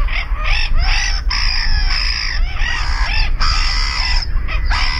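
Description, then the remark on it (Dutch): Black-headed gulls giving harsh, rasping screeches, loud and repeated in quick succession, with several calls overlapping over a steady low rumble. No one speaks. “We zetten ze even op een rijtje. De kokmeeuw.”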